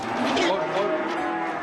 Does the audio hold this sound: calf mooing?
yes